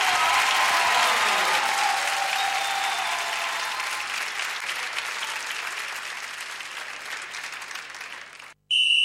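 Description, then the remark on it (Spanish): A large audience applauds a band loudly and steadily, the dense clapping slowly thinning and fading over several seconds before cutting off abruptly, followed by a brief burst of a different sound. “Fuerte aplauso”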